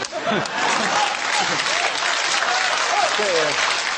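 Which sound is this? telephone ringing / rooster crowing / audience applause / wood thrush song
audience applause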